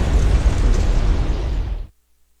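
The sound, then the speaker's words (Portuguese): A drone strike explosion on the North Bridge over the Dnipro River in Kyiv, Ukraine, with cars on the bridge: a loud, rumbling blast with heavy low-end boom and harsh noise that roars steadily for about two seconds, then cuts off abruptly into silence. No voices. “Há carros na ponte sobre o rio Dnipro quando o drone chega.”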